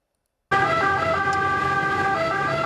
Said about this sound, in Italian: L'arrivo a sirene spiegate dei vigili del fuoco, il pubblico fermo a bordo strada per far passare i soccorritori.